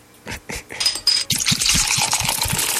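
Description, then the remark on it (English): A few glassy clinks and taps give way to a steady, foamy gush as cold beer is poured into a glass, the fizzing stream continuing with a rhythmic glugging underneath. “Let me pour a cold beer for you.”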